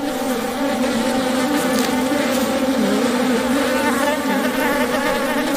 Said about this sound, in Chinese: 水豚已死去多日，湿地的高湿度加速了尸体腐烂的速度。一群苍蝇在尸体上进食产卵，之后卵会孵化为蛆虫。